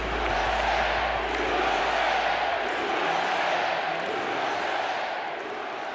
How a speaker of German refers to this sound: Die einen jubeln, die anderen sind voll Angst und Zorn.